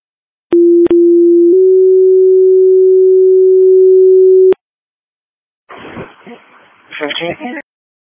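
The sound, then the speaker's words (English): A Sierra 4-4-8 Fire Department pager test tone: a steady, fairly low electronic tone that shifts slightly in pitch after a second, holds for about three seconds, then cuts off before a brief, muffled radio voice. “Sierra 4-4-8 Fire Department, this is your pager test.”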